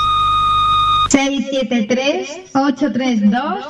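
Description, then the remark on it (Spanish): A radio station's answering machine beep, a single steady electronic tone held for about a second over a low hum, cut off abruptly as a voice begins speaking. “Este es el contestador automático de Rebote FM. Deja tu mensaje al oír la señal.”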